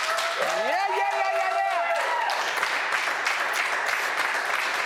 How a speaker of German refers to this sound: Ich würde dir am liebsten irgendwie einen Stadionapplaus geben, aber den kann ich jetzt nicht. Aber vielleicht kann die Crew mal hier einen fetten Applaus geben. Come on.